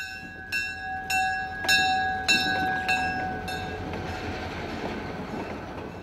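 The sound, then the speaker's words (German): A diesel locomotive pulling several passenger cars rumbles steadily past on its loop around a railway museum's grounds while a bell clangs about six times at an even pace, then the bell stops and the train's low rolling noise continues alone. “Dreimal täglich dreht eine Diesellok mit mehreren Personenwagen ihre Runde im Gelände.”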